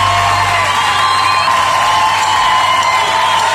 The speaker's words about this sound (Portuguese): Aplausos en Miami.